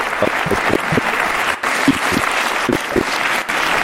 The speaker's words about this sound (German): Komm doch mal zu mir auf die Bühne. Einen großen Applaus für